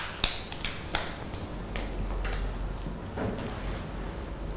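Scattered, uneven claps from a small group of children, a few sharp hand slaps ringing out irregularly over a hushed room rather than a full, steady round of applause.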